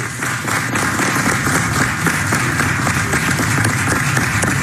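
Sustained applause erupts in a committee room because a man would not stop talking: a dense, steady wash of many hands clapping at even loudness for several seconds, with no voices rising above it.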